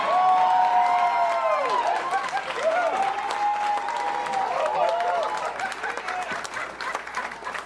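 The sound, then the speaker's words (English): A crowd claps steadily for several seconds, with whoops and rising, falling whistles over the dense patter of hands. The applause stays loud, then thins slightly toward the end. “Give it up for my next door neighbor,”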